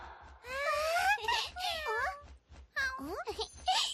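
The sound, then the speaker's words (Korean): A cat, which is named Yaongi, meows repeatedly, about four drawn-out, high-pitched meows with rising and falling pitch, fairly loud, over a steady low rhythmic thumping in the background. “야옹야옹 하니까 야옹이라고 부르자.”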